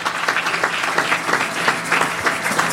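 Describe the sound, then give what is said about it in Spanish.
A church audience applauds steadily, many hands clapping in a dense, continuous wash with a few sharper claps standing out, fairly loud throughout. “Fuerte los aplausos, amados hermanos.”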